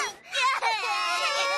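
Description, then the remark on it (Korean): A child cries loudly in a high, wavering wail that rises and falls over a couple of seconds, with a brief catch of breath partway through. “뭐야, 왜 이렇게 시끄러워? 뚝.”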